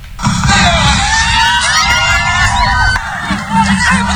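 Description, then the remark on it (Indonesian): A lively crowd of residents at Pantai Seraya beach, Sepinggan Raya, Balikpapan Selatan, Indonesia, at a beach clean-up marking Indonesia's 81st Independence Day, fills the scene with overlapping chatter, laughter and children's high-pitched shouts, steady and loud throughout with occasional whoops rising above the din. “Suasana sejuk di kawasan Pantai Seraya, Kelurahan Sepinggan Raya, Balikpapan Selatan mendadak riuh oleh gelak tawa warga menyambut hari ulang tahun kemerdekaan Republik Indonesia ke-81.”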